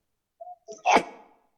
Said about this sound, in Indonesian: Nah, kalian doanya apa kalau dengar orang bersin ucapkan alhamdulillah?